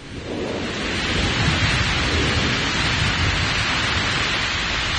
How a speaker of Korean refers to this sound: 급기야 폭우가 쏟아지었다.